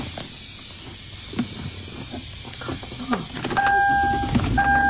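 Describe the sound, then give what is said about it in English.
A steady, airy hiss runs throughout inside a switched-off silver car, with scattered faint clicks and a thin, high-pitched two-tone whine appearing near the end. No one speaks. “See, that would frighten me, knowing that the car is off. Yeah, that's what I mean. Making that sound.”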